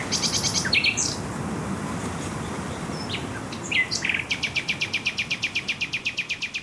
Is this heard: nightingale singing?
yes